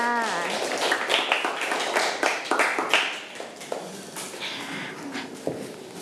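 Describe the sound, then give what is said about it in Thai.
A roomful of children in a classroom clap their hands for the representatives of three groups, a steady, scattered burst of applause lasting several seconds, moderately loud, with a brief voice at the very start. “ปรบมือให้ตัวแทนทั้ง3กลุ่มค่ะ”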